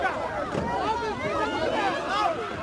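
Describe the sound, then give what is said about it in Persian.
A crowd of migrants, including families and children, shouts in overlapping, excited voices as they rush through cold sea water to board a boat bound for Britain at Gravelines beach in northern France, with the steady wash of waves and wind beneath the commotion. “جمعیت برای سوار شدن هجوم می آورند.”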